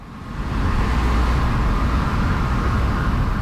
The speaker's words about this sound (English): Okay, I can hear that you're out on the street. Yes, you're hearing traffic outside a building called Main Rooms. It's at the foot of Main Street on the downtown east side. It's a busy, bustling neighborhood, trucks and cars and a lot of people